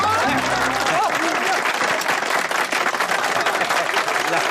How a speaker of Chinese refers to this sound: 来，我们掌声欢迎这对新人，跟大伙说两句。